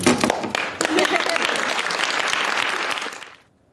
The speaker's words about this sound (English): Look at those women clapping like seals.